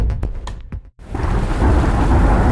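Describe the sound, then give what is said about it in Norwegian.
Heavy rain with thunder: a few sharp crackling bursts, a brief hush, then a loud, steady roar of downpour over deep rumbling. “Ja, der kom regn igjen.”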